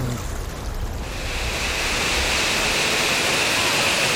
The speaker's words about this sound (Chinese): 哇哇，这边又有瀑布。 哇，这个水流挺大的。